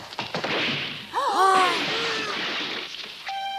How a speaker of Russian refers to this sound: Ты не смел ломать этот стул.